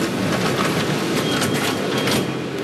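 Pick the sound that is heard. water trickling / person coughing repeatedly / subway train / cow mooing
subway train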